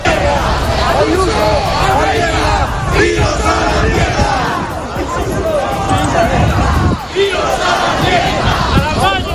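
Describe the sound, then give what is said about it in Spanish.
A large crowd at a protest march in Madrid, Spain, shouts and chants together in a loud, continuous roar, many voices overlapping in rhythmic bursts of yelling against the regional government of the Community of Madrid, holding steady for the whole stretch. “Como puedes escuchar, Ángel, gritos contra el gobierno regional de la Comunidad de Madrid.”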